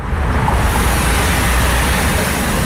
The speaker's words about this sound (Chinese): 杭瑞高速是云南全省车流量最大的通道之一，今天迎来返程高峰，车流量持续高位运行。